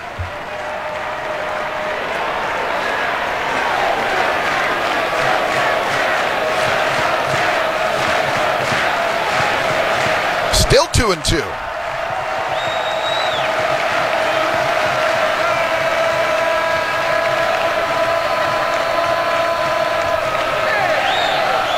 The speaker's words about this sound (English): And now a standing ovation for Cal Fisher on another foul ball.